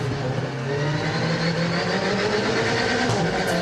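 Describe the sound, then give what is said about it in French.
A powerful 500-horsepower Alpine sports car engine roars steadily at high revs, a dense, loud mechanical drone with harmonic layers that shift slightly as it drives hard on a track, with no talking. “On a quand même 500 chevaux à gérer, mais je dirais qu'il se gère assez facilement.”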